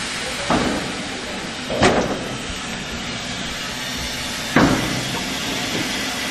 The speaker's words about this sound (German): Nochmal Wasser nachfüllen, eine Fuhre Kohle aufladen und dann kann zum Rangieren losgefahren werden. Die beiden Waggons des Eisenbahntraditionsvereins Stassfurt werden angekoppelt.